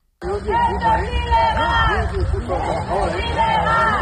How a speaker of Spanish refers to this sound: Ya lo escuchan, al grito de esto es ilegal, los vecinos han zarandeado las vallas que impedían el paso a las obras hasta derribarlas.